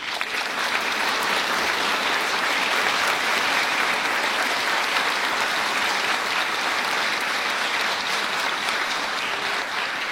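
An audience at the Teatro Maceo in San José applauds steadily for about ten seconds to welcome a payador, a dense, even wash of many hands clapping with no voices standing out.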